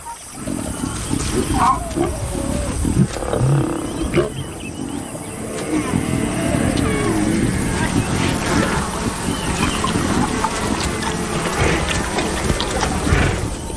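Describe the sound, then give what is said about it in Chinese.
Lions growl and snarl continuously over a meal, a dense, low, rumbling chorus with rough, throaty bursts and tearing sounds that stays steadily loud throughout. “在狮子大快朵颐的同时”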